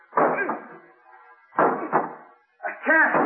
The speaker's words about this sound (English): The door. I can't open it. It's jammed. We'll try breaking it down. Hurry.